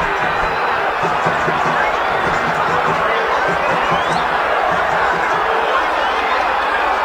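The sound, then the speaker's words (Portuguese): A large football stadium crowd at Vila Belmiro roars steadily in a dense, sustained wash of booing, angry shouting and protests at the end of a 0-0 Copa do Brasil round-of-16 first-leg match between Santos and Remo. The sound is loud and continuous throughout, with no single voice standing out. “Vaias, cobranças, protestos.”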